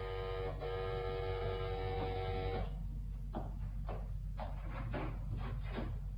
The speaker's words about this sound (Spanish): Mientras, el timbre de la puerta volvía a sonar insistente.